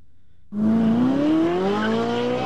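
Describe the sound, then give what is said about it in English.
A race car engine roars in abruptly after a brief quiet moment, its pitch climbing steadily as it revs, loud, holding a strong droning whine until the end. “We got a lot more race car to go.”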